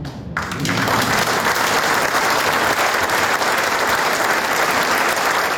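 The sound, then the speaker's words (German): An audience of mostly older people, filling the hall to the last seat, breaks into sustained applause in relief, a dense, steady wash of many hands clapping that holds at an even, loud level throughout, with no voices standing out. “Und hörbar erleichtert sind auch Zuschauerinnen und Zuschauer.”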